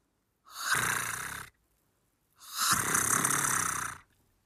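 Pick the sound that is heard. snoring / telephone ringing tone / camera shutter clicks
snoring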